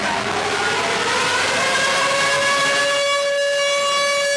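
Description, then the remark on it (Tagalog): A loud, steady siren sounding at 9 a.m. to signal the start of a nationwide simultaneous earthquake drill, a sustained tone with strong harmonics that holds level and then rises slightly in pitch, with faint background rumble underneath. “Pagpatak ng alas 9 ng umaga kanina, tumunog na ang sirena, hudyat ng pagsisimula ng nationwide simultaneous earthquake drill ngayong araw.”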